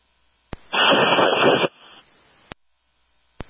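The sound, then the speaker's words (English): A radio transmission breaks up into a harsh, hissing burst of static lasting about a second, framed by sharp squelch clicks before and after, with no intelligible voice coming through. “Last unit is still static.”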